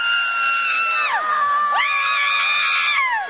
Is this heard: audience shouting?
yes